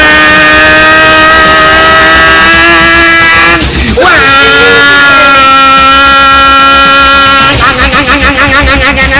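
A loud motorcycle engine drones in the early morning, then a sudden jarring burst cuts through as the motorcycle crashes into a taxi, and the engine keeps roaring afterward with a wavering, sputtering tone.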